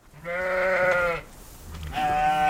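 Sheep bleat twice in close succession, a long wavering cry followed by another after a short pause, loud, with no talking, as sheep and lambs graze the green spring grass on a pasture in Sweden.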